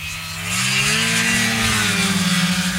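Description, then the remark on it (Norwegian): A snowmobile engine drones steadily, its low tone climbing in pitch as it revs up and then holding a loud, slightly pulsing whine with no one speaking. “Mer enn hver femte norske snøskuter registrert I det minst folkerike fylket, så her det stemmer å hente.”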